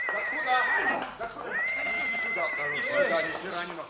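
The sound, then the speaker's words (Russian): A horse carrying a bloodied, slumping rider neighs loudly: a shrill, quavering whinny, a brief pause, then a second longer whinny that trembles and fades, with faint voices in the background. “Рубашка-то вся в крови, на лошади еле сидит, валится. А ну лови коня. Держи коня, говорю.”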